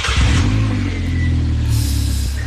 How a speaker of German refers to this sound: Mama sagt, ich darf keinen Motorradführerschein machen, weil das sehr gefährlich ist, Motorrad zu fahren. Dabei ist das Geräusch schon gut, ne?